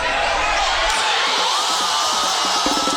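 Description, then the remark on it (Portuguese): A crowd of Brazil football fans in São Paulo's Zona Sul erupts in a sustained, loud roar of cheering for Brazil's first goal against Japan in the second half, a dense wall of shouting voices that stays at full strength throughout. “Foi assim que a torcida comemorou já no segundo tempo o primeiro gol do Brasil, que até então perdia por 1-0 para o Japão.”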